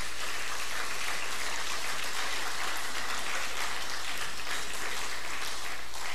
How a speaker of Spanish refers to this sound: Dale un aplauso a Jesús en esta hora.